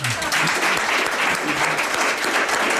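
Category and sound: crowd, studio audience applause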